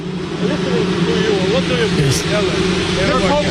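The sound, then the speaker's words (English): A steady, low buzzing drone, taken to be drones rather than a helicopter around President Trump, holds at an even pitch throughout, with indistinct voices murmuring faintly over the continuous hum. “It doesn't sound like the helicopter. Maybe it is, but it sounds like drones to me.”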